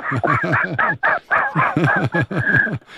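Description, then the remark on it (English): A person imitates a seagull with a rapid run of harsh, squawking cries, about a dozen loud calls tumbling one after another with brief gaps. “Man, you can't talk like a seagull.”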